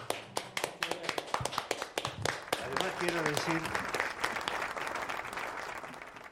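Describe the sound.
An audience breaks into applause for two musicians, starting with sharp scattered claps that quickly swell into a steady, dense wash of clapping, with a few voices calling out faintly underneath.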